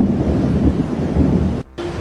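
A deep, continuous roll of thunder rumbles loudly through a storm, with broad hissing noise over it and a brief cut-out near the end before the rumble resumes. No one speaks.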